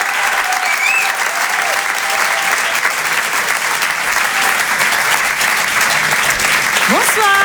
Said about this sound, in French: Je vous demande de les encourager, de les applaudir très fort.